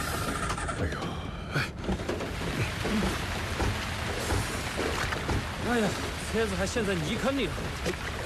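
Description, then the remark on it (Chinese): Steady, dense rain patters and hisses throughout, fairly loud, while several people talk over it and voices grow livelier toward the end. “哎，下雨了。”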